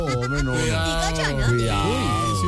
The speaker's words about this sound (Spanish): ¿Qué pasó? ¿Una ambulancia? Pues sí, claro, una ambulancia.